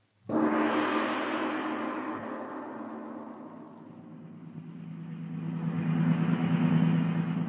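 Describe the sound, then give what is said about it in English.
A car engine starts up and keeps running with a steady, fairly loud droning hum that dips slightly and then builds again as the car drives along. No voices are heard. “The car's ready, Smith.”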